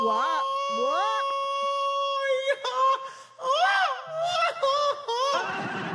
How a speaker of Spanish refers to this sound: Y ese grito no fue efecto. Ese grito me lo aventé yo.